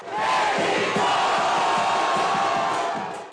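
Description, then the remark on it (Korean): A large crowd of Mexican football fans cheers and shouts in a dense, continuous roar, with rhythmic chanting pulses running underneath, loud throughout, in Guadalajara, Mexico, at night, as the Mexican national team players appear after more than three hours of cheering. “과달라하라 멕시코 관중의 응원 열기는 밤이 깊도록 계속됐습니다.”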